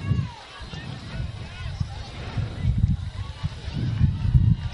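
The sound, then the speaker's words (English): Wind buffets a microphone in irregular low rumbling gusts that swell and fade throughout during a football game, with a faint hiss of outdoor background noise underneath. “It's a little windy up here.”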